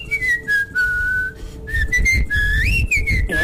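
A person whistles a short melodic tune, clear, with held notes and a rising swoop near the end, over a low background rumble.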